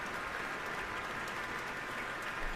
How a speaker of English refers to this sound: And now all three have turned around once more to applaud in unison.